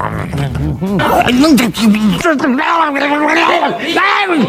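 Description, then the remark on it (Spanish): A person makes loud, continuous throaty squawks and warbling croaks, imitating a vulture eating a dog or other carcass on the road, with pitch rising and falling in rough bursts. “¿Nunca en la carretera has visto sopilotes comiéndose a algún perro o algo? Sí, sí, tristemente sí. Es haciendo ese ruido.”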